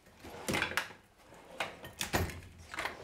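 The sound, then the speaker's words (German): A tool drawer slides and clatters a few times, with brief rattling bursts and small knocks from loose tools shifting inside; no one speaks. “Und so geht es halt die ganze Schublade durch.”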